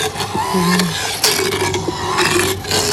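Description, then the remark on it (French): A motorized dental drill grinds against teeth: a continuous harsh, rasping whir with a wavering mid-pitched motor hum underneath, steady and fairly loud throughout, with no voices. “Et ce qui va faire vraiment du bruit, c'est quand je vais toucher les dents, forcément.”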